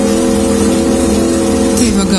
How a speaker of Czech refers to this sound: Počkej, to pro mě to znělo jako větrák. Jo, pozor, taká mašina. Jo, MotoGP, pojď, co to může být? Krásu, nějaká Yamaha. Jo, je to fakt, jo. Hustý. Jo. Tak tohle byla Yamaha.